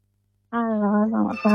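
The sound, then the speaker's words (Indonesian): A telephone rings after a short silence, a steady electronic tone lasting about a second with a brief dip before it swells louder again, clear; an incoming listener call on the RRI radio call-in show Ruang Rindu at night. “Saya mau menyapa yang bergabung kembali di line telepon untuk malam hari ini.”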